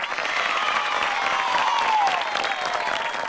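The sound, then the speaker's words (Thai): Applause from a group of children clapping for themselves after a lesson, a dense, steady patter of many small hands clapping at once, with faint cheerful voices and a high whistling tone mixed in, holding loud for a few seconds. “ทุกคนเก่งมากเลยปรบมือให้ตัวเองหน่อย”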